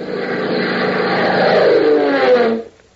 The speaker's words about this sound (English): As a cloud-flecked afternoon sky casts a weird, ever-changing pattern of light and shadow on the open rangeland of Texas far below, a sleek, streamlined Beechcraft biplane, its powerful engine drumming smoothly,